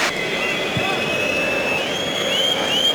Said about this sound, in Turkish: Maçta son düdük sesi geliyor. Fenerbahçe Aston Villa deplasmanında 6-0'lık ağır bir mağlubiyet alıyor.